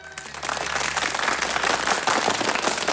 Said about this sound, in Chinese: 柳亚子一鼓动，全场马上掌声雷动。